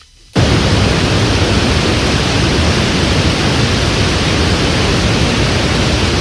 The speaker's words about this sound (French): Voilà, ça c'est un bruit blanc. Vous allez me dire, mais quel est l'intérêt ? Ça c'est une cascade. Non, c'est un bruit blanc. C'est un bruit blanc de 432 Hz.